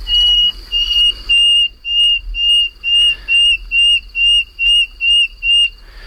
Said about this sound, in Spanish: el sonido más reputado, más conocido, el más cantado y alabado es la canción del ruiseñor común